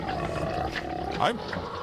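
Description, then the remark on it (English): A pig snorts and grunts steadily while rooting around in a trough, breaking into a short rising-and-falling squeal partway through, fairly loud throughout. “are you doing a pig snort? We did.”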